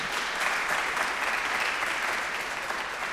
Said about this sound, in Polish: Wielkie brawa! Dziękujemy wszystkim.